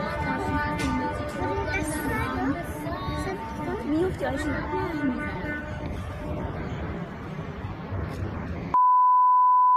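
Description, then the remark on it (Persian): Many car horns blare together as drivers honk in protest at a petrol station in Fardis, Alborz Province, Iran, a sustained, overlapping chorus of steady pitched tones over a murmur of voices, then cut off abruptly into a single flat electronic beep. “ویدیوی دیگری که به ایران اینترنشنال رسیده، بوق زدن اعتراضی شماری از رانندگان در یک پمپ بنزین در فردیس در استان البرز رو نشون میده.”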